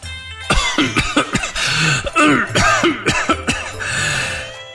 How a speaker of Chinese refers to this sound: 此话一出，李常顿时剧烈咳嗽，他一边咳嗽一边示意李定住口，提示这个不知轻重的家伙。